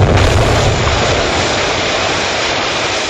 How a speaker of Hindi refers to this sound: दिल्ली के central assembly hall में बम फेंकने की योजना बनाई गई। इस बम से जोरदार धमाका हुआ।